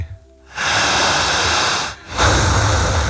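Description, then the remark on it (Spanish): Two long, forceful breaths, loud, each a broad rushing whoosh of air lasting over a second, separated by a brief pause, as a woman breathes deeply during a hypnosis induction. No talking. “Siga respirando.”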